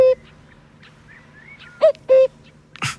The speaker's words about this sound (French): Vous l'entendez? Oui. Alors c'est le coucou, hein, on entend le coucou.